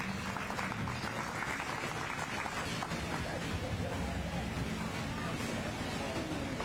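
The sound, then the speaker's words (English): Steady audience applause for the exhibitors of the blue ribbon group as they go out of the show ring fills the whole stretch, a dense, even wash of clapping hands with a faint murmur of voices mixed in underneath. “Let's give them all a round of applause as they go out and bring these three back.”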